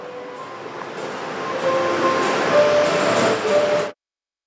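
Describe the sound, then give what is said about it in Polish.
A motor scooter ride: a steady engine drone with a faint whine wrapped in rushing wind noise, growing slightly louder midway, then cutting off abruptly after about four seconds. No one speaks. “A więc państwo słuchają, budząc się w ten poniedziałek 18 minut po godzinie 6, a ja wsiadam na skuter. Posłuchajmy.”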